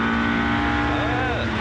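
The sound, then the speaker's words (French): A loud car engine revving high, to almost 8000 rpm, its strained whine holding steady and then sweeping up and down in pitch for a moment, filling the whole stretch without pause. “Ça miaule, hein.”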